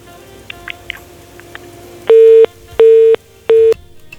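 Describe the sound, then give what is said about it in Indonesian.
A disconnected-call telephone tone on a listener's phone call to the radio program Ruang Rindu of Pro Satu Serui: three loud, steady beeps of equal length repeating at a regular pace, preceded by a few faint clicks and a low hum on a quiet line. “Ya, sayang sekali terputus ya.”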